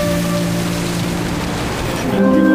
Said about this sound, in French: J'observe les vagues qui se fracassent sur les rochers dans un feu d'artifice d'écume et d'embrun.